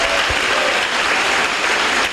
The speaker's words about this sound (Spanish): Dale un buen aplauso a tu Señor ahora. Más fuerte, más fuerte, más fuerte. Dale gloria a Dios.